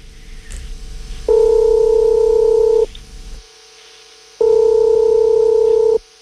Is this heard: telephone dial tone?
yes